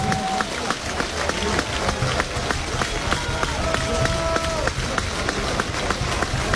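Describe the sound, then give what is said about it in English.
A big baseball stadium crowd at an Oklahoma game roars steadily on a 2-2 count, with scattered clapping and a few sharp whistles cutting through, a dense, continuous wall of cheering that stays loud for the whole stretch. “Here comes the crowd again.”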